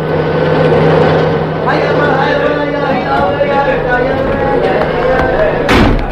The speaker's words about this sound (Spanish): Los vehículos cargados de policías y soldados irrumpen velozmente en el barrio árabe. Sus moradores corren sorprendidos por las oscuras callejuelas.